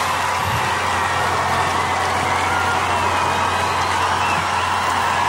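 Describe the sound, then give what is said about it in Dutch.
A large concert audience claps and cheers for a performer and his band after a song, in a dense, continuous roar that stays loud and steady throughout, with scattered whoops rising from the crowd. “Hoor dat applaus.”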